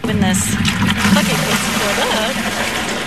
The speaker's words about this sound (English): Charlotte City arborist Lori Reed is filling a 5-gallon bucket with water.